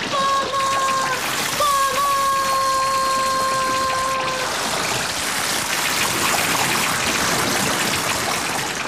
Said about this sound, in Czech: Píšťalko, teče z tebe jenom voda. Počkej, přestaň, uděláš mi kaluš ve světnici. Zastav tu vodu. Podívej, už se valí přes prach. Píšťalko, prosím tě, vyjď, zatopíš celou chalupu. Vody mám už po pás.